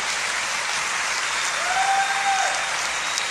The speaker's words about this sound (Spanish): Si lo crees, dale un aplauso al Señor por eso.